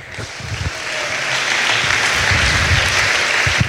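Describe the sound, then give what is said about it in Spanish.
An audience at a Spanish-language worship service applauds the Lord together, a dense, steady wash of clapping that swells early and holds loud for several seconds, with low murmuring voices faintly underneath. “Dele un aplauso al Señor, hermano.”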